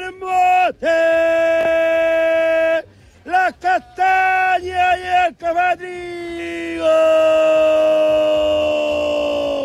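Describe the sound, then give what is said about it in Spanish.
A man gives the signature shout from his song, yelling like a thief barging in: a loud, drawn-out battle-cry shout, then several shorter whooping yells with wavering pitch, ending in a long sustained holler, all forceful. “¿Y cómo sería el gritito entonces? Entonces, como dice cada noche, como cuando entra como un ladrón gritando”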